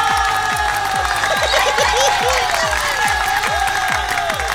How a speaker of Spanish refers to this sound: Quiero saludar a toda la gente de los diferentes mercados de nuestra ciudad, en especial a mis amigos de Plaza del Mar. Aplausos.